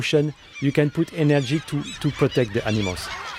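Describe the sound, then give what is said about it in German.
A huge flock of crows and gulls, with two white-tailed eagles among them, calling as they wait for food put out for bears; harsh squawks and cries overlapping in quick bursts that keep coming for several seconds. “Auf den Bärensnack wartet bereits eine riesige Schar an Krähen, Möwen und sogar 2 Seeadler.”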